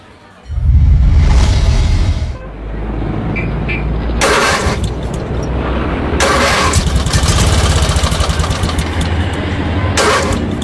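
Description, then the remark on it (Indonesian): A broken-down motorcycle engine cranks and sputters in the morning, struggling to catch, then settles into a rough, uneven idle with repeated revving bursts, loud, no voices. “Aduh, pagi mau gue kesegala nih motor. Aduh, alamat telat lagi nih absen.”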